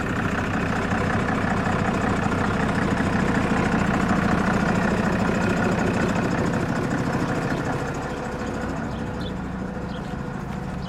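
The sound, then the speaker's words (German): A large diesel bus engine idles steadily during a brake check before a test drive, a dense low rumble with a faint rhythmic throb, easing slightly quieter near the end. No one speaks. “Und das ist ja, deswegen machen wir eine Probefahrt 2 Tage vor unserer großen Fahrt”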